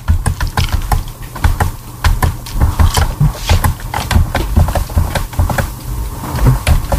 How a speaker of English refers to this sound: I hear her keyboard. I think so. Yep. Okay, yep, we hear.